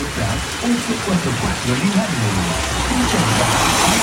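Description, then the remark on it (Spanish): Steady, dense hiss of rain falling in Cauquenes, recorded on a video, fills the whole clip at an even level, with indistinct voices murmuring faintly beneath it. “Así está lloviendo en Cauquenes a esta hora.”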